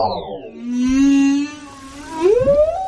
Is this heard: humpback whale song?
yes